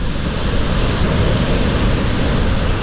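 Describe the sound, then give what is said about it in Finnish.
A steady, loud rush of sea waves fills the whole stretch, a dense low roar of churning water with no distinct breaks or voices, continuous throughout. “Se kelluu merellä, ankkuroituna pohjaan, aallot nostavat ja laskevat sitä.”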